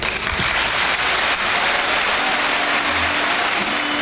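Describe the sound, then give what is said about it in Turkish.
Sustained, dense applause from a large crowd of Beşiktaş club members, steady and loud throughout with no pauses, a standing ovation for Süleyman Seba after his farewell speech; no one speaks over it. “Süleyman Sema'nın konuşmasının ardından üyeler kendisini ayakta alkışlarken bazıları gözyaşlarını tutamadı.”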